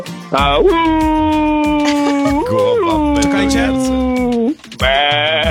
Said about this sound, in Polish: Po co poznałeś, że to owce, nie kozy? Bo ja się znam na zwierzętach.